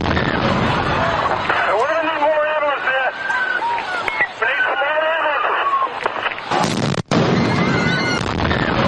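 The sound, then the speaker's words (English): A noisy crowd cheers and shouts at a race finish line. Near the end, a sudden loud bomb blast tears through the noise. It is the first of two explosions, on the sidewalk along the course. A brief dropout and continued commotion follow. “The first of the two explosions rocks the sidewalk along the course.”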